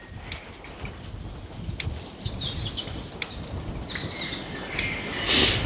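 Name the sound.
gently bubbling swamp water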